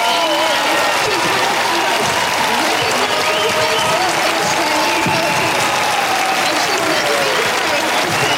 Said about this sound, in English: Liberal leader Angus Taylor, I think I forgot his name, took to the stage. Dozens of people gave a round of applause. I don't think it was as well received, though, as when Pauline Hanson got up next. What a standing ovation.